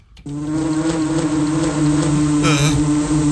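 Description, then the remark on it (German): A hornet buzzes loudly after a brief moment of quiet, a steady low droning hum that carries on without a break, swelling slightly as it passes. “Gott. Hornissen! Hornissen!”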